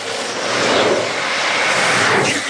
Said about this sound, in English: Skaters tuck down and zoom down straightaways until they hit a switchback. Then they lean and use their hands, pucks, and all the strength they have to make the turn.